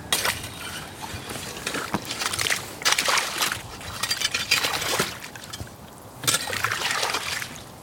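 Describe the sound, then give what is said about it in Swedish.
Slushy ice water sloshing and trickling in a hole cut in the ice, with many small ice pieces on the surface and the water around 1 or 2 degrees Celsius on a slightly windy day. Repeated bursts of bright, crackly splashing as the slush is stirred, separated by quieter gurgling moments. No talking. “Det är som en slask här, eller slushy. Massor av små isbitar här på ytan i vaken.”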